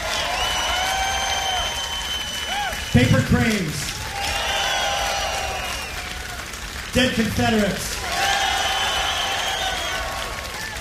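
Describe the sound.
A live audience applauds and cheers steadily throughout, with whistles rising above the dense clapping, while a man speaks briefly over a loudspeaker twice during the ovation.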